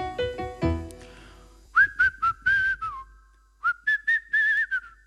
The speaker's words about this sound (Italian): Prova ad insegnarti a fischiare con la bocca. D'accordo. Così in modo semplice potrai inventare una canzoncina, una melodia, tipo questa.